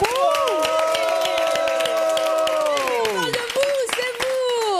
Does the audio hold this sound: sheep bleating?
no